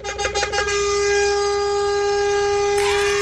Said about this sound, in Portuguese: Olha a hora da buzina, 2:27, bom dia!